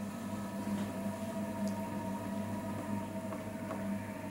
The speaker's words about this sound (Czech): Nejste si jistí, jaký zvuk jste právě slyšeli? Je to zvuk vytrvalosti a nezměrné trpělivosti. Zvuk hrnčířského kruhu.